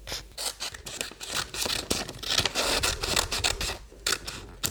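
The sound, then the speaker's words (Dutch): Scissors cut steadily through paper, cutting out a drawn animal shape to make a stencil, with a rapid series of crisp snips and rustling crunches continuing throughout, and no voices. “Zo, nu hebben we onze pigeon en die gaan we lekker gezellig uitknippen.”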